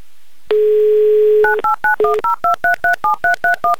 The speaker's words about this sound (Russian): Набран номер телефона Ирины, звоним в Клинцы, гудки пошли